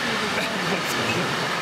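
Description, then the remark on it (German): A train rolls through Baden-Baden railway station, filling the air with a steady, loud roar and rumble of wheels on track, around 70 to 80 decibels, continuous with no pauses. “Ganz schön laut hier am Bahnhof Baden-Baden.”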